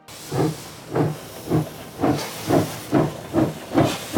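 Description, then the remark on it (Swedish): A steam locomotive chuffs steadily as the train departs the station in Zürich, about eight hissing exhaust bursts at an even, unhurried rhythm, fairly loud over a low mechanical rumble, with no voices. “Fast när tåget lämnar Zürich är Willy Münzenberg inte med.”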